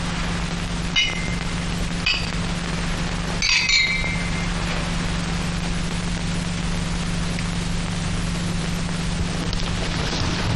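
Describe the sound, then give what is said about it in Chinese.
Glasses clink together in a toast, a few bright ringing taps spaced over the first four seconds, over a steady low mechanical hum that continues throughout. “诸位，为了苏州河上的胜利，为了祝贺刘少二位将军荣获总裁的奖赏，请干杯。”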